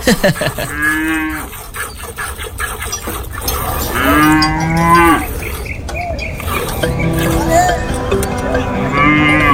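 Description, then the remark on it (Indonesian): Several cows moo in turn, long drawn-out lowing calls repeating every few seconds, fairly loud, in a cattle shed, with a steady murmur of barn background noise underneath. “jadi sarjana kok malah bau kandang sapi.”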